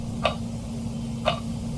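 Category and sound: household object, clock ticking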